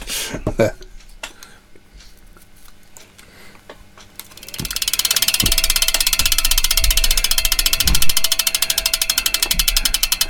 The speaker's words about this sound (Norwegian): Tror du han når hit før tikkalyden er over?